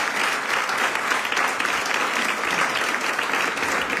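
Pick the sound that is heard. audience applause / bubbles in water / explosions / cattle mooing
audience applause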